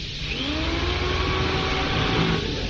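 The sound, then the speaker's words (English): A power drill whirs steadily against a door that won't budge, being used to force it open; its motor whine holds a loud, continuous buzz with a slight upward drift in pitch and no voices over it. “Door isn't going to budge. Give me the drill.”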